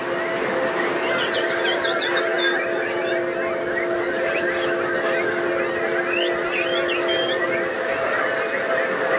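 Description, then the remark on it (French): A crowd of people imitates bird calls, some of them strange, all at once, a dense, steady wash of overlapping chirps, whistles and warbles that stays loud and busy throughout, with a low steady hum beneath. “Tous les oiseaux sont acceptés. J'en entends des bizarres par ici, mais n'ayez pas peur, vraiment.”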